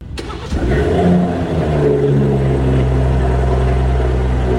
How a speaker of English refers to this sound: We're talking about the startup of the car, when the car starts.